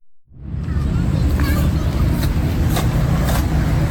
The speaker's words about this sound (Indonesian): Deru mobil dan sepeda motor di Jalan Jenderal Ahmad Yani tak mengalihkan perhatian para pemuda di Taman Linkin Park, Rawasari, Jakarta Pusat.